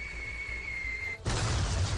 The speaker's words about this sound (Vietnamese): Tiếng rít gợn gáy của một chiếc máy bay bay rất thấp, tiếng bom nổ.